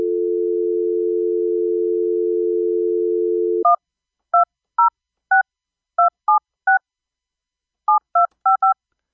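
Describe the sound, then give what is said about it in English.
A steady dial tone hums for a few seconds, then cuts off as a quick series of touch-tone beeps is keyed in, about eleven short dual-tone presses with a brief pause midway. “Maybe you don't have to dial the one anymore.”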